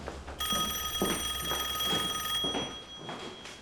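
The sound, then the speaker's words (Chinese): An electronic telephone ring sounds with a steady high-pitched tone and repeating pulses for about two seconds, then stops, leaving a low background hum. “您稍等一下，我接个电话。”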